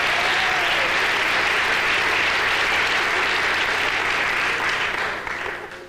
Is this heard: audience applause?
yes